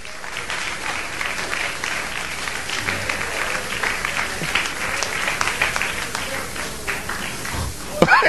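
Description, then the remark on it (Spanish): A church audience breaks into sustained applause for Christ during a sermon, a dense, steady wash of many hands clapping at an even loudness for several seconds, with a sharper burst near the end. “Dale un aplauso a Cristo y sigo.”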